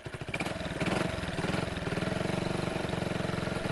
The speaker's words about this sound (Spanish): Che, ¿no le arranca ahí la moto?